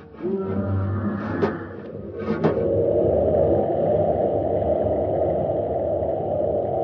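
Harsh scraping as a beast claws at a spaceship's metal hull right outside the door in Space Patrol, with two sharp raking strokes early on followed by a steady, loud grinding rumble that fills the rest.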